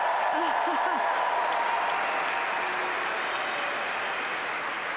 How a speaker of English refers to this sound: I think you can hear from the crowd's reaction how entertaining that match was, how special it was.